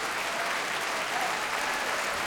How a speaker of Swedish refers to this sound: En publik som jag tror har längtat efter att få ställa sig upp och skrika och applådera i nästan en och en halv timme. Stämningen är helt fantastisk här i Bävelhallen i Stockholm.